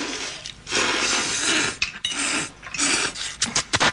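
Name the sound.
slurping noodles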